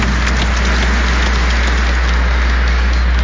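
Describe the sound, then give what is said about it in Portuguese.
A big round of applause from a crowd at the National Children's Pilgrimage (Romaria Nacional das Crianças) at the home of Mother Aparecida, a dense, steady crackle of many hands clapping at once that stays loud and even throughout, with no voices over it. “Por isso, vamos saudá-la com uma grande salva de palmas.”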